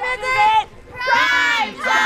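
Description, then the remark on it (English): Around 10 families and children on blankets and lawn chairs in a suburban park in Lincoln cheer together during a storyteller's reading of the book Saturday by Oge Mora: two loud bursts of high, excited voices shouting and whooping, separated by a brief lull, with a final rise at the end. “They cheer.”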